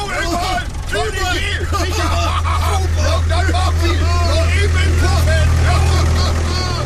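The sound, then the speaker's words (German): A tractor engine rumbles low and steady throughout as a group of men drive off in it, while several people talk and call out over it in a lively, overlapping babble. “Wir fahren noch eben im Trecker beim Puff vorbei.”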